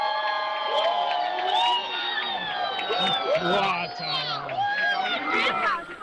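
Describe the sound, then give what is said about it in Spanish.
A crowd in La Guardia breaks into loud, sustained applause mixed with cheering after a brief spectacle, with many excited voices whooping and shouting over one another throughout. “Silencio roto por los aplausos y gente que se sorprendió por su propia reacción ante ese momento que aseguraban no iban a olvidar.”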